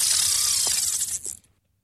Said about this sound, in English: Well, that sounds like someone casting a line into the water.